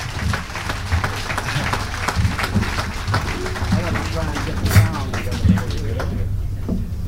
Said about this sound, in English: let's get together and welcome to the stage that statesman of jazz and give a nice round of applause to …, ladies and gentlemen.